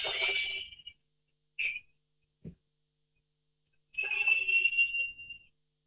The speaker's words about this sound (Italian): Questo è il pubblico del Tardini, questo è il pubblico del Tardini, fischi sonori, dobbiamo dire alla squadra di Carlos Cuesta dopo questo primo tempo. Sto sentendo anche un po' i cori, cercando di capire cosa stanno dicendo